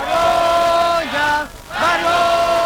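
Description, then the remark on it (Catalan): A crowd chants "shame" in unison, loud and sustained, twice with a brief drop between the shouts, at a tenants' union assembly in Plaça Catalunya, Barcelona, on Thursday night, as the union announces Junts' rejection of the housing decrees. “Crits de vergonya quan el sindicat de llogateres ha anunciat a l'assemblea que s'estava fent aquest dijous a la nit a Plaça Catalunya el rebuig de Junts als decrets.”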